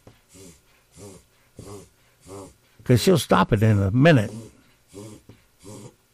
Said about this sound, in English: You ever have your dog do that? You hear it? They get on these coughing episodes.